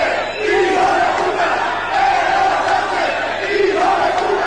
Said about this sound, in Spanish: ¿Eso le grita a la gente? Sí, comité de bienvenida. En todos lados que va le gritan, en el estadio también le gritaba.